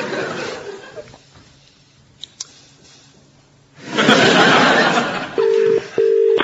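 A telephone rings near the end: two short, steady electronic buzzes in quick succession. Just before them comes a loud wash of noise, and the start is quieter background with faint bits of sound.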